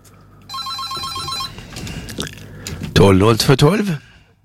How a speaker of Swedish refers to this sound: Nej, det är någon som ringer här för att visa att telefonlinjen fungerar. Så det ska vi vara glada för.